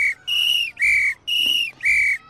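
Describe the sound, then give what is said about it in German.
A firefighter's whistle sounds a retreat signal: four long, shrill, loud blasts in steady succession with short gaps between them, clear, with no talking. “Wenn ich dagegen so pfeife,”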